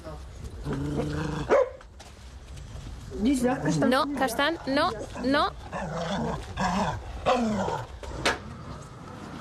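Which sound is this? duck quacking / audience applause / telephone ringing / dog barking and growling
dog barking and growling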